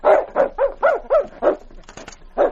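A dog named King lets out a run of about seven short, whiny barks, each bending up and down in pitch, evenly spaced, with a brief sharp clatter just before the last one.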